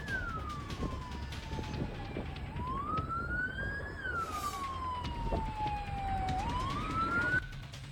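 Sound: police car siren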